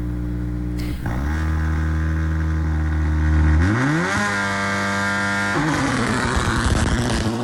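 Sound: rally car engines revving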